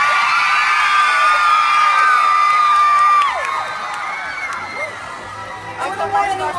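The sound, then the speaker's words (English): A large audience in Orlando cheers and screams loudly as a singer is introduced on stage, with high-pitched shrieks soaring over a dense crowd roar that dips slightly halfway through, then swells again with fresh whoops near the end. “This next girl rocks on and off stage, so give it up”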